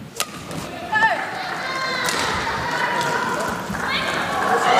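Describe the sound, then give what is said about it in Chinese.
A badminton rally in a match between Chen Yufei and an Indonesian player: sharp racket strikes on the shuttlecock land about once a second over a steady crowd murmur, with a few squeaky shoe sounds between hits. “上来也是一个多拍的争夺。”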